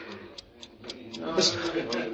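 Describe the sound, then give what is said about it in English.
A clock ticks steadily, its sharp, evenly spaced ticks coming in a quick regular rhythm while a low voice murmurs underneath toward the end. “What's that? That clock ticking.”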